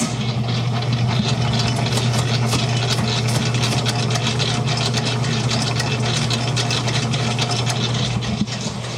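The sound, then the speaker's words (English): A large commercial dough mixer, nicknamed Big Betty, with a big metal screen around it and a motor that goes up to speed 4, used to mix big batches of dough and icing; it runs steadily, a loud, constant low hum layered with a dense mechanical whir and rattle that holds unchanged throughout, with no voices. “But we use this to mix big batches of dough, big batches of icing, and I can give you a sample of that.”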